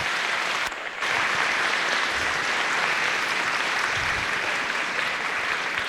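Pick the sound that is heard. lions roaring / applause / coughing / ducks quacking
applause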